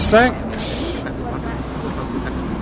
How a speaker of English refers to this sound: The old bus.